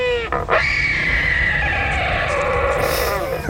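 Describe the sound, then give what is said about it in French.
A wandering albatross gives a loud, drawn-out wailing call, harsh and braying with rising and falling tones, sustained for a few seconds with no one talking. “Celui-ci, c'est bien un oiseau que vous allez entendre, c'est l'albatros hurleur.”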